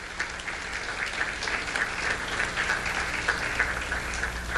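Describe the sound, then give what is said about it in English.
Steady applause from a crowd at a temple honoring the temple's past president, a dense patter of many hands clapping at an even level for several seconds without a break, with no voices over it. “And let's give him a round of applause, please.”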